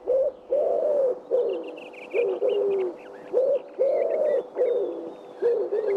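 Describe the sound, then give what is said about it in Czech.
A pigeon coos in a steady run of soft, rounded, throaty phrases, fairly loud, while small birds chirp and twitter faintly in the background. “Zavrká a víme. Tak to pojďte říct všichni najednou. Je to 3, 2, 1, holub.”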